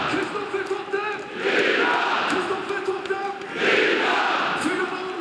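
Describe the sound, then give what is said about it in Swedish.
A large stadium crowd roars and cheers in swelling waves after Kristoffer Nyman scores in the 88th minute to put Norrköping 4-0 up against GIF Sundsvall in a Superettan match, loud and dense, with chanting voices rising twice to peaks amid steady background noise. “Det är rutinerade Kristoffer Totte Nyman som gör sitt 18:e mål den här säsongen i den 88:e matchminuten, och ni kan väl höra publiken.”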